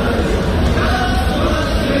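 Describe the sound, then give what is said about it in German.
A dense, loud crowd din fills the whole stretch, an audience evacuated into a gym during a thunderstorm cheering and hooting together in a party mood, steady with no pauses or clear individual words. “Also man sieht nicht viel, man hört es rumgejohlen.”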